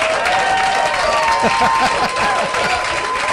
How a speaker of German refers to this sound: Klick, klack, klick, klack, das ist mir ein Applaus wert.